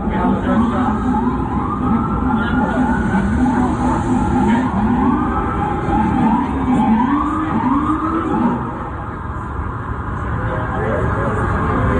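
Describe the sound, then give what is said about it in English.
Wailing police sirens rise and fall across a busy street in Times Square, several overlapping tones sweeping continuously, with traffic noise and indistinct voices mixed underneath; the sirens sound loud. “The sirens, the clapping of the knives, and then the fatal shots.”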